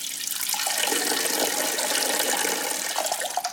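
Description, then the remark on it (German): A steady stream of urine trickles and splashes into water, someone urinating in the sea, continuous for a few seconds, with a bright, hissing spatter and no voices. “Ich vermute, viele von uns, denen im Meer schon mal die Blase gedrückt hat, die haben es auch schon mal einfach laufen lassen.”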